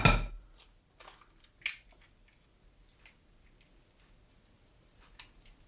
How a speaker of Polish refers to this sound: tak żeby to jajko po prostu mi pękło